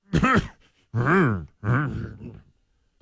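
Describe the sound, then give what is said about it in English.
A voice imitates a cough muffled by tucking the head into an armpit, with three short, throaty, groan-like bursts, the last one longer and trailing off, and no spoken words. “I tuck my head in my armpit and I go.”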